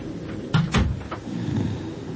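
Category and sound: impact, knocking on a door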